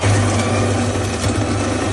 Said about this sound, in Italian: Qualcuno però ci ha mandato la propria macchina del caffè. Cioè, proprio l'audio